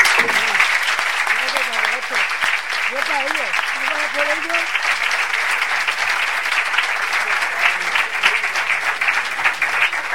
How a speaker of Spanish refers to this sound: Este aplauso para ti.